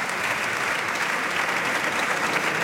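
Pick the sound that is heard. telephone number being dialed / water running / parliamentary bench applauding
parliamentary bench applauding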